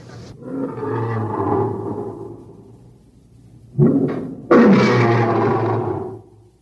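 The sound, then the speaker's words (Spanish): Lions in the vivarium of an amphitheatre roar twice, each a long, deep, rumbling bellow lasting a couple of seconds, the second louder than the first, with a short quiet gap between and no talking. “Son los leones que rugen en el vivarium del anfiteatro.”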